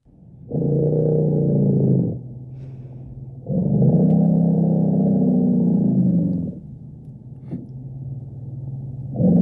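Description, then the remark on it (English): An elephant gives two long, deep rumbles, each a loud, low, throbbing tone rich in harmonics, the first about one and a half seconds, the second around three seconds, with a steady low hum between. “This is in fact an elephant rumble.”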